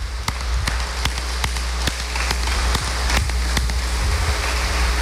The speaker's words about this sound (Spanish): Muy bien, gracias hermanos ministros por su trabajo, por su servicio al Señor y a sus comunidades. Les damos también un fuerte aplauso a estos ministros.